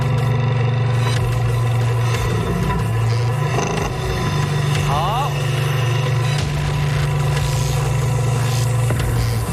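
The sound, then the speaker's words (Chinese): A forklift engine runs steadily at a low idle as it lowers a car onto a tower of glass cups, a continuous rumble that holds level for the whole stretch, with a faint mechanical whir in the background. “当汽车摆放在玻璃塔上去，叉车笔只要离开车体2厘米以上就可以开始倒计时。”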